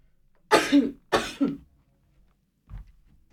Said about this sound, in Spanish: Ay, perdón, tenía que estornudar.